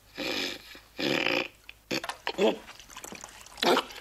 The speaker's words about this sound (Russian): Наливает в ладони воду. Плеснул ее на лицо